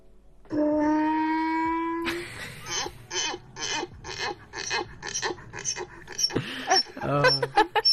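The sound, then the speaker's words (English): A donkey brays loudly: a long, strained wheezing note, then a run of about a dozen rhythmic rasping hee-haw gasps that climb and drop in pitch before ending in a few ragged honks. “Hold on, let me play the sound of a donkey real quick, one sec.”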